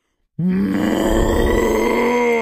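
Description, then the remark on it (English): On a radio show, a person imitates a cow's moo with one long, loud, low groaning bellow that swells into a rough, roaring growl and holds steady for about two seconds. “That sounds like a cow crossed with a T-Rex.”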